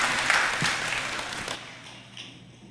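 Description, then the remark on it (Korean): A crowd applauds as an applause of glory to God, with dense, steady clapping that thins and fades out after about two seconds, leaving a faint hiss. No one speaks. “우리 하나님 앞에 영광의 박수 올려드리겠습니다.”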